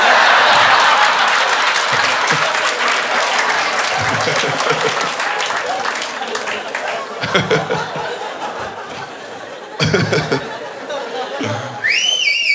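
A crowd applauds with scattered chuckles and murmurs, then someone in the audience lets out a loud, sharp whistle that sweeps upward in pitch at the very end.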